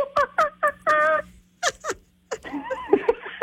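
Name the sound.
person imitating a monkey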